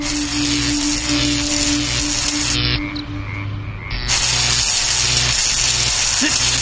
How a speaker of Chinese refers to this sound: 而此时的焊接车间却灯火通明，焊枪滋滋啦啦的声音在静谧的夜空中回响着。